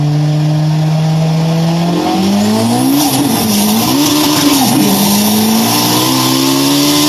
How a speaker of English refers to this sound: Sounds like a race car to me.